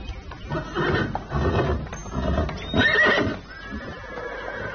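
The king's auspicious horse, Panthawa, neighs in a series of loud, shuddering whinnies, ending on a thin high squeal, with a faint clip-clop of hooves beneath and no one speaking.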